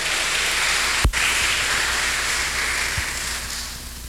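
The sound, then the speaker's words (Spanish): Steady, dense applause from a crowd for women celebrating their birthdays, a continuous wash of clapping with one sharp louder clap early on, easing off slightly toward the end. No voices are heard. “Fuerte el aplauso para las cumpleañeras.”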